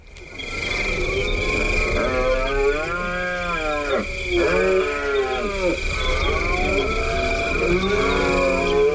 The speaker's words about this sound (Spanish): Pues estamos hablando, yo creo que de uno de los más conocidos, que es el entusiasmo del ciervo en la berrea, ¿verdad, Paco? Sí, ellos también tienen mucho entusiasmo, porque es la época del celo, del apareamiento